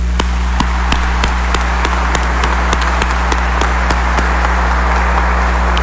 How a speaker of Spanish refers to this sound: Y se han dejado todo, muchos de ellos, su país para venir acá, no es por turismo o por aventura, sino por fe, por amor al Señor y por espíritu misionero al servicio de esta iglesia en camino. Así que un nuevo aplauso para ellos.